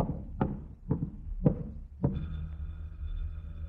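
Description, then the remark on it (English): Four firm, evenly spaced knocks on a front door, followed by a sustained ringing tone that carries on to the end. No voices. “Somebody at the front door. Shall I answer it?”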